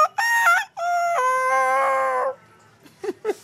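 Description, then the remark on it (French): A man's voice imitates a rooster's crow: a short first note, then a long wavering harmonic call lasting nearly two seconds, loud, followed by two brief clucking sounds. “J'ai pu les répéter plusieurs fois pour arriver à produire le son exact. Même le coq, ça, c'est qu'une phase.”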